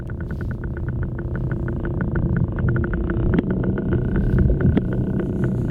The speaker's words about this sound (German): Also, so klingt ein Oktopus, wenn er sich auf dem Meeresboden bewegt.